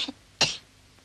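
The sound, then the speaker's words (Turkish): A single short, breathy cough from a child coughing on request during a doctor's examination, with a faint smaller sound just before it and quiet afterward. “Bir daha öksür.”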